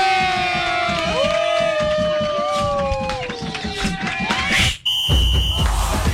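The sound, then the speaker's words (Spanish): A loud crowd claps and cheers, with whoops and sliding whistles over the steady roar, welcoming radio host Jovita Jovanotti back to the Pico y Placa del Humor on Olímpica radio. It cuts off abruptly near the end, followed by a brief high electronic tone. “¡Démosle un fuerte aplauso a Jovita Jovanotti!”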